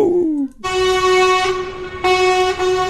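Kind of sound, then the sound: vehicle, truck horn honking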